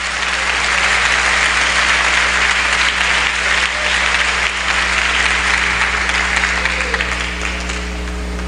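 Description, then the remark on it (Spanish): Sustained applause from an audience, a dense, steady roar of clapping that holds strong for several seconds before easing slightly toward the end, with a low steady hum beneath it. “Dele fuerte el aplauso.”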